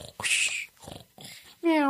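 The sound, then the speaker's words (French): A voice imitates small cats snoring: a few breathy, hissing snorts with short pauses, ending in a loud, high, meow-like squeal. “Alors quand elle attend que tout le monde dort, on entend ronfler les petits chats.”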